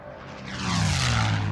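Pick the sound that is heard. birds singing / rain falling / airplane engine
airplane engine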